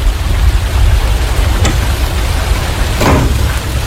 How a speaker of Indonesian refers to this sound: Kok hujan-hujan gini?